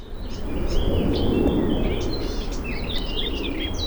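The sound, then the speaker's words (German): Calm meadow ambience at the edge of the Stiftwiese in Hallbergmoos near Munich, Germany, with knee-high grass, a stork in the grass and a kite circling overhead: a steady low rumble of wind or background noise with scattered high, thin bird chirps and whistles flitting above it, no voices. “Noch ist es ruhig am Rand der sogenannten Stiftwiese in Hallbergmoos bei München. Kniehohes Gras, durch das ein Storch starkst, darüber kreist ein Milan.”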